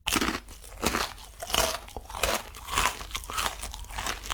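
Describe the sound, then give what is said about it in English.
Loud crunching of a dry ramen noodle block sprinkled with powder, with repeated bites and chews every half second or so, each a sharp crackly burst with no talking. “You know, once I sprinkle this powder over the top of it, it's like a big block of crunchy deliciousness.”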